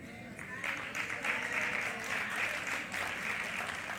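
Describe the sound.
A church audience breaks into steady clapping during a sermon after a brief moment, the dense patter of many hands continuing for several seconds at a moderate, even level, with faint voices mixed in.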